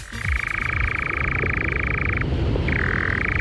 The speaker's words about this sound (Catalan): No són granotes. Mira, us ha enganyat a vosaltres també. És una serp. És un ocell. És un ocell que es diu enganyapastors.